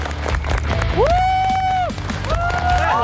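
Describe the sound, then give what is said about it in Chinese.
An audience applauds a balancing act performance steadily for about three seconds, a dense, even patter of clapping, with loud rising cheers or whoops cutting through the middle and end. “掌声不停，表演不停。”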